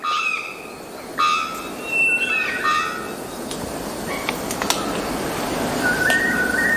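A male bearded bellbird, calling mainly to attract potential mates, gives a series of loud, ringing calls with bright metallic overtones, repeated at irregular intervals over a steady hiss of forest insects, with no talking.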